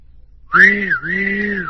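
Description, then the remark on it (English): A train's steam whistle blows loud, a sustained tone that dips briefly in the middle before carrying on. There is no talking over it. “When there's any danger, the whistle blows.”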